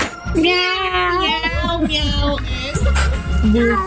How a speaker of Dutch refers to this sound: Ik hoor ook een krolse kat tussendoor.